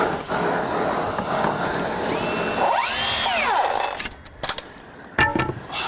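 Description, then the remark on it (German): A roofer's gas torch in northern Germany roars with a steady, dense hiss for about four seconds, a whining tone swelling up and falling away in the middle, then cuts out, leaving a few sharp knocks. “Feuer. Dachdeckers Lieblingsgeräusch.”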